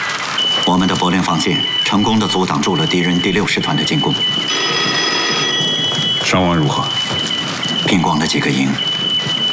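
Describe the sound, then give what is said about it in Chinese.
A telephone rings once in a steady burst of a couple of seconds midway through, a call from Commander Luo, between stretches of men talking, over a constant rain-like hiss and a thin high whine. “罗长官来电话”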